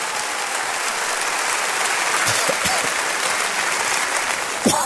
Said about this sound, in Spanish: ¿Cuántos de ustedes nos visitan por primera vez? ¿Podría levantar la mano para poderles reconocer y dar una bienvenida? Denles un aplauso.